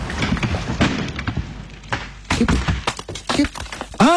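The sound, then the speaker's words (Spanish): Fireworks going off in an irregular series of sharp cracks and dull thumps, some clustered close together, with a crackling background and a brief rising whistle-like tone at the very end. “Bueno, fuegos artificiales. Claro, los fuegos artificiales.”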